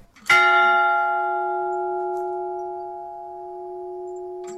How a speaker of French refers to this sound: Tu sonnes la cloche, fais un vœu.